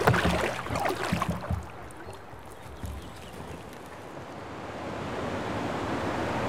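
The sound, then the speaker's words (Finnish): Rushing, splashing water as a small packraft drifts through shallow, rocky rapids on the Vantaanjoki river, with a louder burst of churning and knocks at first, then a steady wash of flowing current. “on Vantaanjoen vesi, kun nuo pikkukoskien kivenmoukulat tulee mukavasti hieromaan takamusta, mutta kyllä noista nyt pääsee.”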